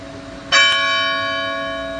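A church bell rings out as a call to prayer, with a sharp strike and a second quick hit, its bright metallic tones sustaining and slowly fading over a faint low hum. No voices are present.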